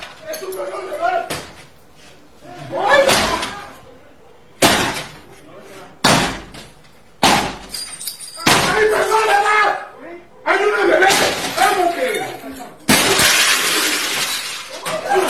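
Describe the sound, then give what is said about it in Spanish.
Heavy, repeated blows slam against a door, about six forceful impacts spaced a second or two apart, with shattering glass and rattling debris between them and muffled voices in the background. Two hooded men with long guns are forcing the entrance door of a house in Nanchital, in southern Veracruz state, Mexico, during a break-in by an armed group. “Imágenes se observa a dos sujetos con capuchas y armas largas tirar la puerta del acceso de la vivienda ubicada en el municipio de Nanchital.”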